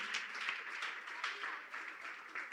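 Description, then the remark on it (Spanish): An audience applauds a group of children standing facing them, many hands clapping in a dense, continuous patter that stays fairly soft and steady for a few seconds, with slight swells in volume. “Un aplauso a estos niños.”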